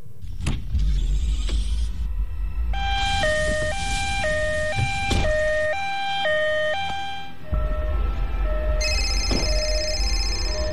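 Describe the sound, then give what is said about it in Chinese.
A loud two-tone ambulance siren, from an ambulance summoned by a 120 emergency call, alternates steadily between high and low pitches for several seconds over a low engine rumble, then gives way to a softer, sustained electronic tone. “又哆哆嗦嗦地打了120急救电话，说了妻子的大概情况，还报了家庭住址，让救护车赶紧过来。”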